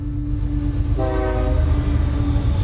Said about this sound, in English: And in March 2006, I'm sat on a cross-country train travelling from Zurich to Basel for the first leg of Middlesbrough's UEFA Cup quarter-final.